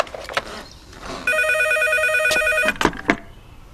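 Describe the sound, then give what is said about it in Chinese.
A telephone rings once at the Xingang preparatory office, a steady electronic burst lasting over a second, fairly loud, with a few sharp clicks and knocks just before and after it. “你家里人刚把电话打到筹备处，让我转告你的。”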